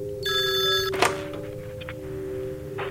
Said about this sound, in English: Oh, the phone appears to be ringing.